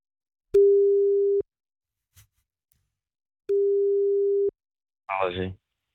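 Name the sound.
phone call ringing tone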